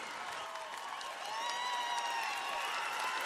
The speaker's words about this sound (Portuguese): E obrigado a essa galera. Batem palmas pro